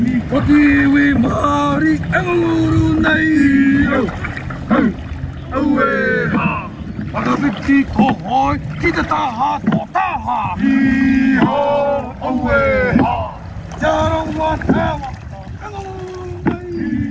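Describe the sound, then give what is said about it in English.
Waka (canoe) paddles stroke the water in unison, entering and exiting the water at the same time, in a steady rhythm. Splashes and outdoor wind noise sit under loud, continuous voices calling and chanting. “So ideally you're looking at all the hoi, the paddles, enter the water at the same time and they exit at the same time, and if you're looking from the back of the waka you should only see one.”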